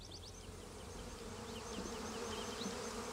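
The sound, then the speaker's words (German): A dense, steady hum of many honeybees buzzing continuously around the hives of an organic (Bioland) apiary with over 200 bee colonies, in late spring swarm season while the beekeeper checks the colonies for swarming, with faint chirping birds in the background and no voices. “Christian Eggers muss jetzt jedes seiner gut 200 Bienenvölker auf den sogenannten Schwarmtrieb kontrollieren.”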